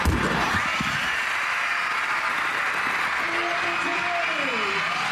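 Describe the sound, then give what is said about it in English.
A crowd of young fans, elementary students among 8,000 at an Edmonton Riverhawks game, claps and cheers at the first pitch in a loud, steady wash of applause that fills the whole stretch, with a sliding whoop rising over the noise near the end. “Even some of the city's favorite mascots made an appearance, cheering on the first pitch.”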